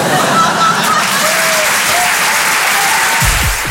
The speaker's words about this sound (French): Ça va super bien là, je viens d'être papa. Merci, c'est sympa. Et vous êtes sympa d'applaudir ça parce que franchement, à Paris, les gens ils applaudissent plus sur ça.